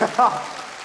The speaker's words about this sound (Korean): 노력이 가상에서 박수를 쳐주는 거죠?